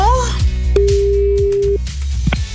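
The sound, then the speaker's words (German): A single steady telephone ringback tone sounds for about a second, a clean mid-pitched beep, over a busy background of music with a low, rhythmic beat, as a radio presenter calls a listener back. “Die rufe ich zurück.”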